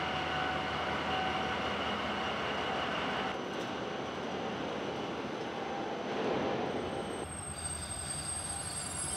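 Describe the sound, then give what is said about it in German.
A heavy freight train, weighing more than 500 tonnes with its load, spins and grinds its wheels on the rails: a loud, continuous metallic roar with high squealing tones over deep rumbling, with no voices. “Jetzt haben die Räder durchgedreht. Kein Wunder, der ganze Zug mit Ladung wiegt mehr als 500 Tonnen.”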